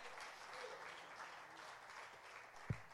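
A crowd claps for the Son of God in a dense, continuous wash of applause, with one sharp low thump standing out near the end.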